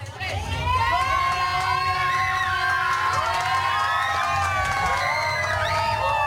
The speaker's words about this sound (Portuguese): E, malta, vai um grito! Bora!